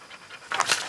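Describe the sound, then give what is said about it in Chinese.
A dog pants while resting in a few quick, breathy huffs that grow louder toward the end of a brief moment, with no one speaking. “休息中， 狗沙发，”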